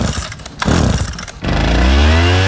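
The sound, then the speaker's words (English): A small gas-powered leaf blower in Lima sputters unevenly, then revs up into a loud, steady high-pitched whine, running at full throttle. “Lima's resident leaf blower.”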